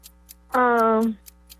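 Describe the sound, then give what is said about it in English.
A game timer, started for a timed round of trivia questions, ticks fast and steadily, about four sharp clicks per second, while a brief buzzy sustained tone sounds over the middle of the ticking. “Start the clock.”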